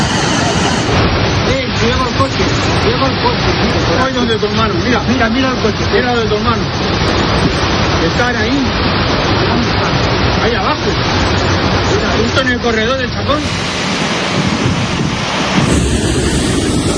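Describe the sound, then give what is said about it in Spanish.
A loud, steady roar of floodwater rushing down a town's steep streets without pause, a dense wash of churning noise, with faint voices calling out now and then beneath it. “Las calles empinadas del municipio solo hicieron que acelerar la velocidad de la riada, de tal manera que cuando los vecinos se quisieron dar cuenta, los coches estaban siendo arrastrados y el fango se coló en muchas viviendas.”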